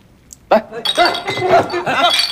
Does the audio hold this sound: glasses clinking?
yes